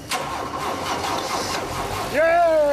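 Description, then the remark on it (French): A car engine, after three weeks of work on the car, cranks with a steady, noisy grinding for about two seconds, then catches and settles into a louder, even idle. A voice may call out over it at the end. “Là, c'est le moment où on va savoir si tout ce travail a payé, et si le moteur va démarrer.”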